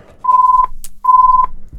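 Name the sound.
telephone ringing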